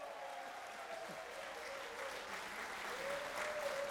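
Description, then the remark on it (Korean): An audience at a pansori performance claps steadily in a dense, continuous wash of applause, calling master Jo Tong-dal to join the encore, with a faint sustained tone running beneath it and the clapping swelling slightly toward the end. “여러분, 조통달 선생님도 함께 하면 박수로.”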